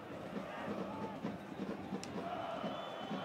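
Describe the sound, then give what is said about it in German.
A dense, steady roar of a large stadium crowd of Hansa Rostock football fans, about 2,500 who travelled to an away match against Würzburg, chanting and cheering in a continuous wash of voices with no single speaker standing out. “Und wenn Sie genau hinhören, die Zuschauer, die Atmo, das sind schon die Hansa Rostock-Fans.”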